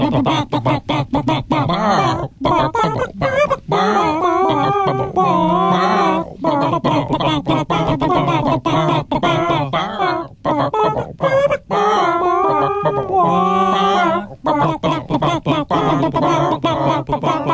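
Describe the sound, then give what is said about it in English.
Several voices cluck like chickens in unison to the tune of a song, for listeners to guess. They follow a bouncy melody with rhythmic, pitched bursts that rise and fall, loud and continuous throughout with brief pauses between phrases. “guess the title and artist of the song that they are clucking”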